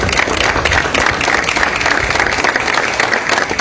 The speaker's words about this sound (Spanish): Un aplauso grande para Martín arriba.